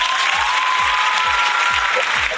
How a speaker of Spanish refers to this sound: Ojo, un aplauso por eso.